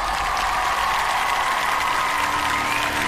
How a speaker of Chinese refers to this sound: 那还有欢迎我们来自世界各地热爱音乐的100位国际大众评审，掌声欢迎你们，谢谢 ，Thank you very much。